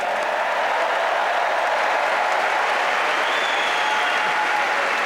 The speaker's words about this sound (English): Rory, what a beautiful jacket. Is that a Masters jacket? Must be. Yeah. Round of applause for Rory for Masters, please.